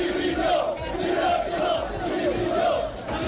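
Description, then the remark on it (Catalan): A large crowd of Girona football fans chants "Dimissió!" in unison outside the Montilivi stadium after the match, a loud, steady rhythmic refrain repeated over and over with massed voices and no break. “Aquests eren els càntics que s'escoltaven fora de Montilivi un cop acabat el partit.”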